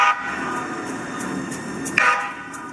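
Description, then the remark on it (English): A Sound Transit 2 Line train operator blows the horn at a deer on the tracks near Wilburton station in Bellevue: a loud, sustained blare with steady harmonic tones, swelling again near the end in a sharper second blast, with faint clicking of the deer's hooves on the tracks and rumble underneath. “And if you listen closely to that video being shared on social media, you can actually hear the deer's hooves on the tracks as the train operator blows the horn to try to scare it away.”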